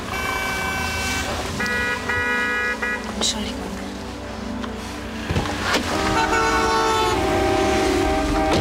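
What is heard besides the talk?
several car horns honking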